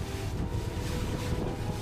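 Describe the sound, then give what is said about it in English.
A lifeboat's engine drones steadily under heavy wind buffeting the microphone, with rushing water and spray filling the background in a dense, constant roar, as it crosses high waves after a storm to the trawler Santa Princesa. “The crossing to the other trawler takes just under 5 minutes.”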